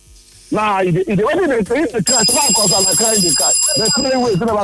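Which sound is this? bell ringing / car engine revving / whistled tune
bell ringing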